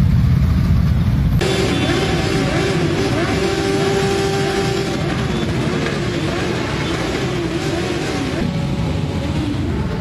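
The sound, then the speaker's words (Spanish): After a second of background rumble, motorcycle engines roar to life and rev repeatedly in bursts, loud, several motors droning together with rising and falling pitch, as motorcyclists pay tribute to a colleague on leaving a funeral in Retuerto. “A la salida rendieron homenaje a su compañero mediante ráfagas.”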